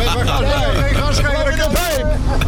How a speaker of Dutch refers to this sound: Henk deed net zijn raampje open, want het werd wat benauwd hier. En dan hoor je die grote pijp die achterop die cabine staat.